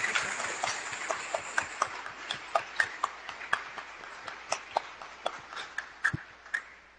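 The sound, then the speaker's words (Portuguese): A church audience applauds in gratitude to their Bishop, with sharp, crisp claps standing out over a steady wash of clapping. The clapping keeps a fairly even patter for about seven seconds, tapering slightly at the end. “Saudemos em gratidão, uma salva de palmas novamente ao nosso Bispo de Jesus.”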